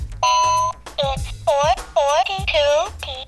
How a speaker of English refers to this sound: talking clocks, which reminds me of the loudest talking clock I ever made.